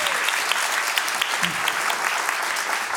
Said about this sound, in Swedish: En applåd.